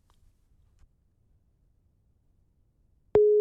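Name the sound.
telephone ringing tone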